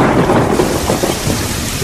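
Heavy rain pours steadily in a dense, continuous roar, with a deep rumble of thunder rolling underneath throughout. No voices are present.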